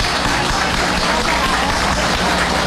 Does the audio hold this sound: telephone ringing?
no